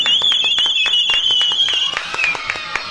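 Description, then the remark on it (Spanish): Children at a circus clap steadily in quick, sharp bursts, while a shrill, high-pitched whistling tone wavers over the first two seconds before fading under the continuing applause. “Y los niños aplauden.”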